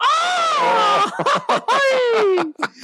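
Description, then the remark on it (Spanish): A loud attempted mariachi grito: a long held yell breaks into choppy, laughing bursts and ends in a falling wail, all in about three seconds. “No me sale el grito de mariachi, me da coraje.”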